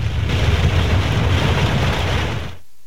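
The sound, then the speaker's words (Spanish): A loud, steady roar of rushing floodwater covering a street during heavy rain in El Epe, Guasave, Sinaloa, Mexico, pouring on without pause, dense with low rumble, then cutting off abruptly just before the end. No voices are heard. “Las imágenes pues son contundentes, corrientes de agua cubriendo los accesos principales, patios inundados en medio de lo que ahora parecen lagunas en esta comunidad.”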